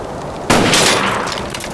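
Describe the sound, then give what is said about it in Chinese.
After half a second of low hiss, a single sharp gunshot, fired at a loudspeaker, cracks out loudly, followed by a long, rough, noisy tail that slowly fades. No one speaks. “我这一枪得值十个大洋吧。”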